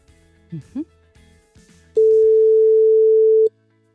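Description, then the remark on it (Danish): A steady telephone ringback tone sounds loudly for about a second and a half as the Radio 100 morning show calls a listener who had texted in. It is a single sustained electronic beep, preceded by a couple of brief low chirps and faint background murmur. “Skal vi lige få ringet en, der har sms'et ind til os? Ja. Se, om der er en, der har lyst til at få et sæt nye vinterdæk. Den ringer.”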